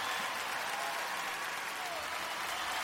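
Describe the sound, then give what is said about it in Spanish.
An audience claps steadily and densely for the Lord for the full stretch, a continuous bright wash of many hands with no pauses or individual voices standing out. “¿Cuántos le pueden dar un fuerte aplauso al Señor?”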